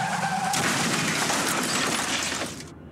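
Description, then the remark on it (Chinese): A brief tire screech gives way to a loud, sustained car crash with shattering glass and crunching metal, a life-threatening crash of a drink-driving car, filling nearly three seconds before cutting off abruptly. No voices. “继续执行，可能就是一场危及生命的车祸。”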